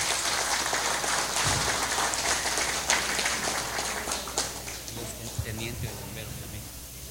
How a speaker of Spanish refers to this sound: invitamos a la empresa que hizo la donación del equipo especializado de rescate, quien representa a la empresa Industry Equipments Inc. Fuertes aplausos, por favor.